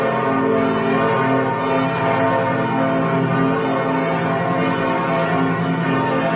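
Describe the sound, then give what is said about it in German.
Church bells of all five churches in Lübeck peal at the same time in a dense, continuous wash of overlapping tolls, loud and reverberant, with no voices heard. “So hört es sich an, wenn in Lübeck alle Glocken der 5 Kirchen gleichzeitig läuten.”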